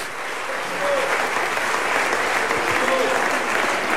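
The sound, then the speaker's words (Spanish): After a prayer in a church service, an audience gives an offering of applause to the Lord. The steady clapping is a dense, even wash of many hands that holds at a constant loudness for several seconds, with faint voices mixed in. “Démosle una ofrenda de aplausos al Señor.”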